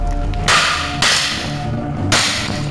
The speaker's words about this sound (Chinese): 为了从根本上切断诈骗分子的远程操控链路，民警果断将这台被入侵控制的手机现场损毁，彻底断绝设备的所有数据传输通道。